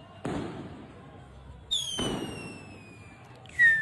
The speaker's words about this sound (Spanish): Bueno, la verdad que en Estados Unidos yo les mostré los petardos locos que hacen. Sí. No, tienen unos petardazos. Sí, esto lo ven. Si el 4 de julio hacen eso.